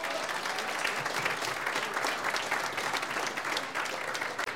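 Steady, dense applause from an audience welcoming a guest at a music band's 75th anniversary celebration, a continuous wash of many hands clapping with no voices standing out.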